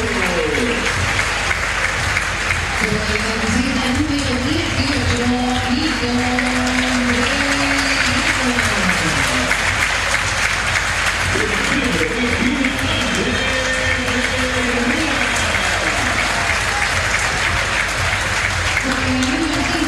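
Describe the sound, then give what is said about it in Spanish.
Sustained applause from a large crowd as the football team line-ups are announced, a dense, steady wash of clapping with a voice rising and falling underneath it throughout. “Por escándalo el más aplaudido.”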